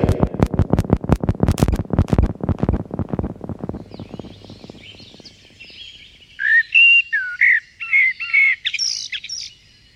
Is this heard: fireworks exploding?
no